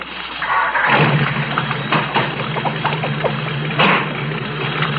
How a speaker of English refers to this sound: Now get ready. There. Start the car.